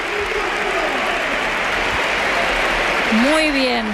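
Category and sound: crowd, stadium crowd ovation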